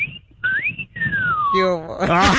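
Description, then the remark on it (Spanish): A woman whistles a short, sliding tune with rising and falling pitches, fairly loud, followed by a burst of excited vocalizing at the end. “Que yo también silbo, me gusta silbar como usted, ¿cómo ve?”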